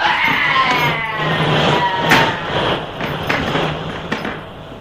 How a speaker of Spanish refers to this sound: ¡Lo están electrocutando! Electricidad corre a través de la escala metálica y el árabe se retuerce lanzando gritos de angustia y terror.